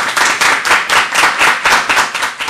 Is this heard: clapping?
yes